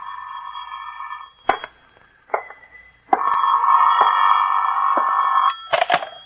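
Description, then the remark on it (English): A telephone in an office rings in two steady, buzzing bursts, a short one and then a longer one, with a few sharp clicks and knocks in the pauses and at the end. No voices are heard. “Phone's ringing, Johnny.”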